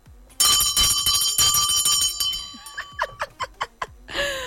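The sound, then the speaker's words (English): A loud bell rings repeatedly with a bright metallic tone, struck several times in quick rhythm, then fading into a series of short, chirpy bursts. “Is my bell noisy this morning?”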